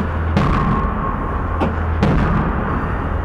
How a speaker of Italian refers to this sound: Senti il reverbero? Bello da qua il reverbero. Senti l'eco metallico. Senti l'eco metallico.